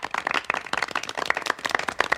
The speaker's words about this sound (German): Danke, ein Applaus für euch, dass ihr auch dabei seid.